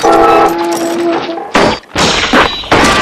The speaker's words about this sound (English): The arm comes crashing down against the side of the boat.